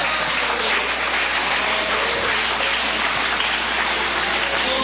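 A church audience claps steadily to worship the Lord, a dense, continuous wash of many hands applauding at full volume for several seconds, with no voices standing out.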